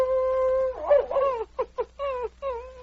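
A dog named Thunder howls outside a cabin on a frozen, moonlit night, answering wolves: long, wavering, mid-pitched cries with rich harmonics, rising and falling, then a few short yelping pulses before another sustained howl. No one speaks.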